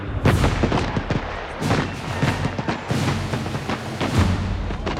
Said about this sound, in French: Les Prussiens sont désormais si proches que les tirs de canon atteignent la population à l'intérieur de la ville.